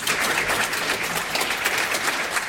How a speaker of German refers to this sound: das war ein sehr wohltuendes Konzert. Herzlichen Dank, ein dicker Applaus.